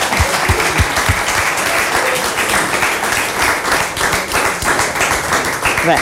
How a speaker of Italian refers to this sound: Rivoluzioniamo la scaletta, sì, non ci sarebbe bisogno di presentarli, quindi li facciamo avvicinare e poi secondo me gli applausi scattano in automatico.